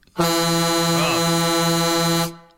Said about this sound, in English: Oh, goodness me. That's a loud horn you've got there now. Yeah, I think I prefer it, though, than the klaxon you used to have. I think that's a better horn.